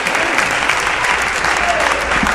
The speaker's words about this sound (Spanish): Oh, gloria al nombre de Dios. Dale un aplauso fuerte al Señor.